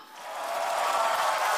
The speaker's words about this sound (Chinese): 是， 喜欢听到您的掌声。 对， 您一鼓掌，我们一兴奋，卖力气给您表演。